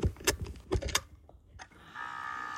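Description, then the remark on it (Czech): A music box being wound up: a quick run of dry mechanical clicks and ratcheting, then a steady, faint metallic tone that lingers toward the end. “natáhnu hrací strojek a celou písničku ti zaspívám”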